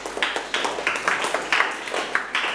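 A classroom of students claps together for a few seconds, a bright, steady patter of overlapping claps at a moderate level, with no one speaking.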